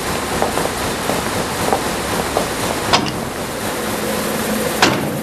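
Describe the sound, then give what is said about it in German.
A large four-colour offset printing press runs with a steady, dense mechanical roar, faint rhythmic ticking underneath, two sharp clacks standing out, and a brief low hum near the end. No one speaks. “Ich glaube, für den Hobbyraum im Keller sind die Maschinen zu groß. Und vor allem zu laut.”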